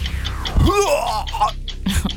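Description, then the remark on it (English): A person vocally imitates vomiting: one strained retching heave with a gurgling, wavering groan, followed by short breathy gasps and splutters. “Vomiting.”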